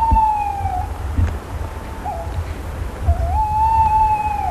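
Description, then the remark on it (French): An owl in the Lot sings calmly, undisturbed, heard from a few metres from its tree: clear, steady whistled notes around a mid-high pitch, one long, one brief and one drawn-out, holding level with faint overtones over a low, constant rumble. “Elle va continuer à chanter tranquillement. Alors non, on se met pas au pied de l'arbre.”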